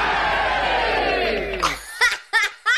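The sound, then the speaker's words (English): A crowd roars and cheers loudly for a couple of seconds, the dense wash of voices fading out, followed by a few short bursts of voices. “And if you followed all that, you deserve a big cheer from the rest of us.”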